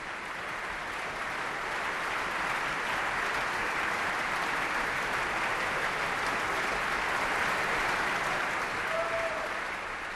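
Sustained, dense applause and ovation from a large opera audience at the Bayreuth Festival for the singers, the conductor and the festival orchestra, a steady roar of many hands clapping at an even loudness with no talking over it.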